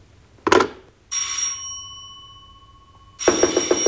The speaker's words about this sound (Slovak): Pomýlila som sa. Zdalo sa mi, že zvoní telefón.